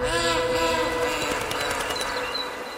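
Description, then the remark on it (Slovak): A departing train rumbles with a sustained, tonal horn blast over steady mechanical clatter, the whole sound easing off slightly toward the end as it pulls away. “Vlak odišiel.”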